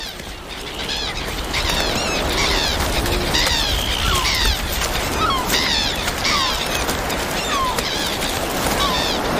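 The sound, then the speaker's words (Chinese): Crows and gulls call repeatedly in overlapping, squawking cries around a grey seal mother and her newborn pup, scattered across the scene over a steady roar of wind and surf. “这位灰海豹母亲没有时间休息，稍不留神，乌鸦和海鸥就有可能对幼崽构成威胁。”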